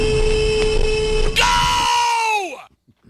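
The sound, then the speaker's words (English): A loud, sustained horn blares over a cheering crowd, stepping up to a brighter, stronger tone midway before its pitch sags downward and dies away at the end. “That's a solid horn.”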